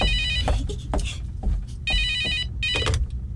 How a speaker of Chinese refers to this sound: 有电话， 你们都不接，我去接喽。